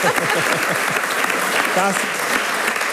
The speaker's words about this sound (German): Familie Klaffenbacher kommt seit 600 Jahren aus Klaffenbach. Das ist mal ein Applaus wert, finde ich.